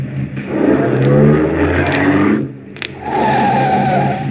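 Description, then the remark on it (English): A car engine roars and accelerates while chasing another car, its pitch climbing in a loud, steady surge, dipping briefly before revving hard again. No one speaks. “Pull up beside him, quick.”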